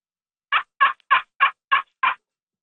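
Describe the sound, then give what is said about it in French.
Six evenly spaced, raspy turkey yelps heard over the telephone, scraped out on a slate friction call: a small slate disc in a wooden resonance box about 7-8 cm across, played with a small stick. Loud, in a steady rhythm, with quiet gaps between each note and no talking. “Ouais, je peux vous faire un bruit de dindon, certainement.”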